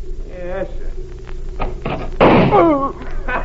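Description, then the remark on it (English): In a drama, a sharp gunshot cracks out as the character Spider shoots a man who had a gun, followed right away by a startled vocal cry, with men's voices speaking before it and a low hum underneath. “Nice shooting, Spider.”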